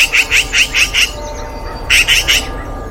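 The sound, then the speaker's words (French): A magpie chatters in a fast, harsh series of rattling calls, five quick bursts, a brief pause, then three more, loud over a low background rumble. “Oh, mais c'est une pie !”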